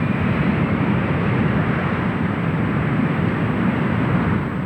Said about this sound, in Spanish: Cuando todas las especies animales habían subido a la nave, esta encendió sus motores y se lanzó al espacio en busca de un planeta habitable.